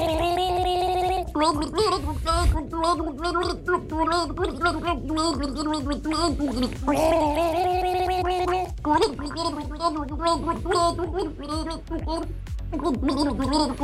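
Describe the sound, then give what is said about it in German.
Two voices gargle a slow 1980s rock ballad melody as a duet, with a great deal of water in their mouths, for the Gurgel Gaga game on Antenne Düsseldorf. They warble and bubble through sustained pitched notes that rise and fall over a steady backing, loud and continuous throughout. “Welches ikonische Lied haben die beiden da gegurgelt?”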